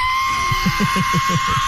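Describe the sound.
A person vocally imitates an F-35 fighter jet crashing: a sustained, piercing whistle-like screech over a hissing roar, with rapid rhythmic guttural pulses underneath, loud throughout.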